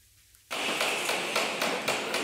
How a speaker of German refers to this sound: Überall in Fulda hört man es hämmern oder klopfen.